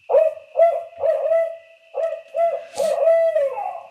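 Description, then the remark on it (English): A series of loud, rhythmic recorded barred owl hoots with a slightly nasal, electronic quality, played in the dark from two loudspeakers set up outdoors beside a logging road in the Hoopa Valley, with a faint steady hum underneath and no talking. “Mark records the calls of almost every barred owl before he shoots them. And it's those hoots that are now playing out of these speakers.”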